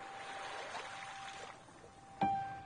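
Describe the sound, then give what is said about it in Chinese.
Light drizzle patters softly onto the sea surface in a steady, gentle hiss as night falls, with a faint tone running beneath it and a brief knock near the end; no one speaks. “现在大海又重新下起了雨，但是雨不是狂风暴雨，而是好像是江南的那种毛毛雨，轻轻柔柔地打在海面上。”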